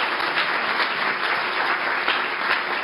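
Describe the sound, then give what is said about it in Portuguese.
An audience claps steadily, a dense, sustained wash of applause at an even loudness throughout, with no voices standing out above it. “Você pode aplaudir a Jesus pela vida do pastor Paulo?”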